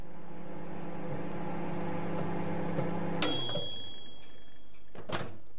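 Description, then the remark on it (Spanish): A microwave oven hums steadily, then stops with a sharp, ringing beep that fades out, followed a couple of seconds later by the dull thunk of its door opening. “Eso es un microondas.”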